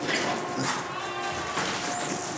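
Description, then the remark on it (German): A goat bleats in a wavering, nasal cry that rises and falls over a couple of seconds, set against a steady, fairly loud background of rustling and farmyard noise. “Ziege, du musst einmal wieder raus.”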